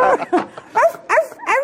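A dog barks and yips in a quick run of about five sharp, high-pitched bursts, fairly loud, with no talking over it.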